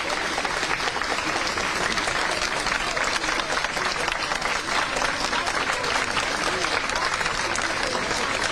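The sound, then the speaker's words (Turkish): Steady, sustained applause from a crowd greeting students as they come out after a three-hour exam that ended at 13:15, a dense wash of many hands clapping at once that holds evenly loud for the whole stretch, with faint voices mixed in underneath. “Alkış seslerini duyuyorsunuz.”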